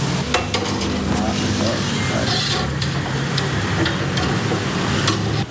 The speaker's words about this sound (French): Voilà, et les autres aussi, les calmars, les crevettes, sont maintenant à la braise qui est vive. Hein. Il y a même des flammes là. Ah oui, oui, parce qu'avec l'huile de coco qui tombe sur la braise.